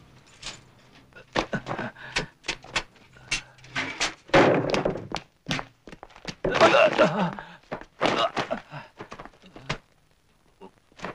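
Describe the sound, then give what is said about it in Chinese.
A police officer bangs and forces a door at a company dormitory, with loud, irregular thuds and slams repeating for several seconds, broken by brief bursts of raised voices calling for the door to be opened. “哎，民警同志，你干嘛弄我门呢？”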